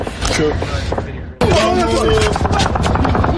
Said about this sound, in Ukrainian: Про атаку дронів повідомляє губернатор Ярославської області. Жителі Ярославля розповідають у соцмережах про щонайменше 10 вибухів і викладають відео.